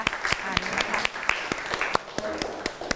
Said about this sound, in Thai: ขอเสียงปรบมือให้เพื่อนของเราหน่อยนะคะ